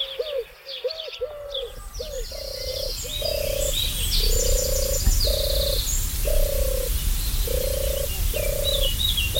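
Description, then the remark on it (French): A European turtle dove purrs in a steady run of about a dozen low, rolling notes, with frog croaks and bright bird chirps layered over a constant background hum. “Celle-ci, c'est sa cousine qui était présente déjà bien avant l'arrivée de la tourterelle turque. C'est la tourterelle des bois qui est migratrice, qui disparaît en hiver, qui va en Afrique et qui revient ici.”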